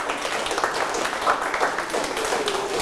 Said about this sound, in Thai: ใช่ ปรบมือ